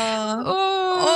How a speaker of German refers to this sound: Jetzt muss ich weinen, scheiße. Oh. Entschuldigung.